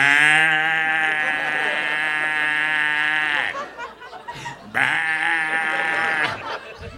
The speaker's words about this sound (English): Mm-mm, I heard the bullfrogs. You guys got bullfrogs?